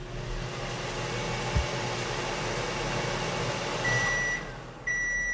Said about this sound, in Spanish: Vale. Ya se ha oído el pitido.